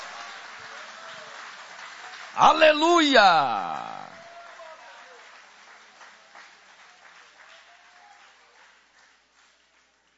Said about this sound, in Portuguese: Pode tomar o vosso assento, guarda a Bíblia com carinho e aquelas palmas bem bonitas para Jesus.